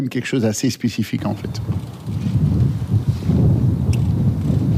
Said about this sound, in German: Der Wind bläst heftig auf dem früheren Formel-1-Rennkurs bei Zolder, das gut 45 Kilometer westlich von Maastricht entfernt liegt.